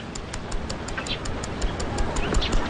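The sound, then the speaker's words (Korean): A wristwatch, a gift from a father, held to someone's ear in a front yard with a pavilion, ticks in a quick, steady rhythm, each sharp little click evenly spaced, with a soft murmur of background noise underneath. “앞마당 정자가 있는 곳으로 나온 한목진은 아버지가 선물로 준 손목시계를 귓가에 대고 있다.”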